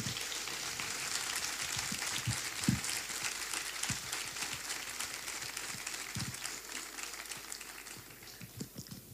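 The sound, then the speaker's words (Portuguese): A crowd claps steadily in sustained, dense applause for the current board of the Grupo Folclórico Danças e Cantares de Carreiro folk group, a bright crackling wash of many hands that holds roughly level for several seconds before easing slightly toward the end. “Em nome dela, peço uma salva de palmas à atual direção do Grupo Folclórico Danças e Cantares de Carreiro.”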